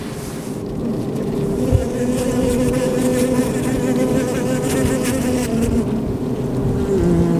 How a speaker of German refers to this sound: Die Bienenwelt scheint hier und heute in Ordnung zu sein. Keine toten Bienen vor dem Eingang, ein reges Ein- und Ausfliegen.